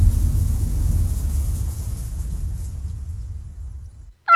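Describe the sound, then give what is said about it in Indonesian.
A cat purring, a low, steady rumbling hum that slowly fades over a few seconds before a short, higher tonal sound breaks in at the very end. “Ketika seekor kucing mendengkur, getarannya berada dalam kisaran 25-150 Hz.”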